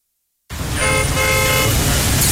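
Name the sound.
car driving up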